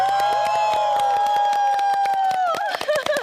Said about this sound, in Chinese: 他们这边赢在哪你知道吗？啊，赢在他也欧了。 啊，我没欧。 你没欧，现场观众都欧了。